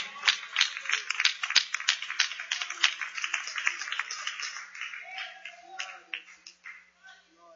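An audience claps their hands to glorify the name of the Lord, a dense, irregular stream of sharp claps that stays steady and fairly loud throughout, with faint voices rising briefly underneath near the end.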